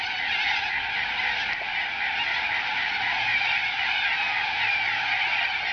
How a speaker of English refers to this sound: If you don't know what that squawking is, that is a whole lot of corellas just teeing off about something, probably very early in the morning as well.